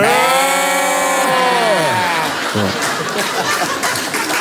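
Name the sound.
people imitating sheep bleating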